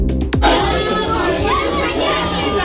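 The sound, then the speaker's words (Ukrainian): A dense babble of many children's voices fills the air-raid shelter of Chernihiv Gymnasium No. 2, where four primary classes study at once during an air-raid alert, writing, reading and solving tasks; constant and fairly loud, with overlapping chatter and occasional higher-pitched calls. “У укритті Чернігівської гімназії номер 2 під час повітряної тривоги одночасно навчаються 4 класи початкової ланки.”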